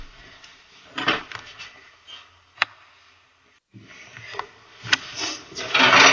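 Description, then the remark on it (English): Wooden drawers slide and knock, with scraping rubs, a couple of sharp clunks, a brief pause, then more sliding and bumping. “Yes, there's some drawers. That's my Christmas present. Some more drawers.”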